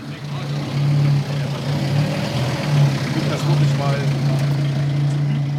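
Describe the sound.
A fire truck's engine runs steadily with a low, droning hum that shifts slightly in pitch as the truck is being positioned, while faint voices murmur underneath.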